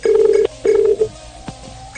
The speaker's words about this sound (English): Phone is ringing.